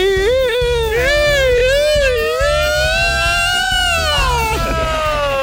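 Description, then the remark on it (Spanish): A voice imitates a wailing alarm siren, sustaining one continuous tone that wavers and slides up and down in a weepy, crying way, fairly loud, with a falling dip near the end. “Y había una alarma ahí llorando.”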